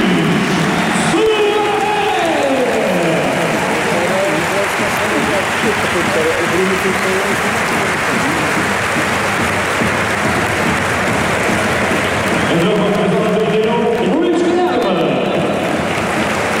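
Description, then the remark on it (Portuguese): A large football stadium crowd at a Sporting versus Nacional match applauds Luís Suárez as he is substituted, loudly and steadily for several seconds, a dense wash of clapping and crowd noise with a few shouted voices rising above it. “Vamos agora ouvir aplausos a Luís Suárez no momento da substituição.”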